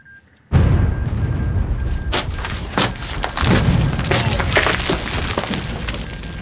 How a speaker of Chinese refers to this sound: 喂，钱阵地吗？我是师指挥部，刚才的爆炸是怎么回事？好，我马上向师座汇报。 师座，前沿阵地报告说，刚才有一股共军侦察兵抢我炮兵阵地，杀死哨兵，摧毁8门105榴弹炮。